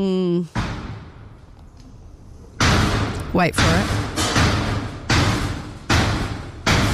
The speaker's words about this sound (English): It's like a horror movie, eh? It's so scary. Banging away. This was the lift next to you as you were trying to take the lift. Very scary. So I was in the middle lift, and the one on the side is under construction or refurbishment or something.